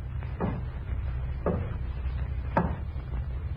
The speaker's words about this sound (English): And then... it happened. was sitting there eating when there was a knocking at the door.